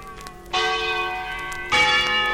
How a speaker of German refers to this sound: Sag mal, das soll Schillers Glocke sein? Haben wir nichts anderes auf Lager?